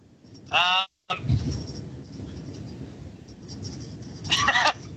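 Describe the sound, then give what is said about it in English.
A pet bird lets out two loud, harsh squawks, one near the start and another about four seconds later, with a low murmur of background noise in between. “Would you put your bird away, mate?”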